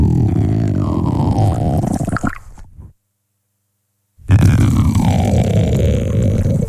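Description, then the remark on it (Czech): Loud, low gurgling stomach rumbles with squishy, liquid churning and wavering pitch, broken by a sudden silent gap of over a second before the rumbling resumes just as strongly. “dámy a pánové, tak to nepříjemně může znít kručení v břiše třeba vašeho kolegy nebo vaší kolegyně.”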